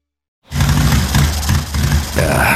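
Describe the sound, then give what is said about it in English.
A motorcycle engine kicks in loudly after a brief silence and runs roughly on a cross-country trip, its low rumble sputtering and surging unevenly for a couple of seconds, with no talking. “Bike's sputtering on me.”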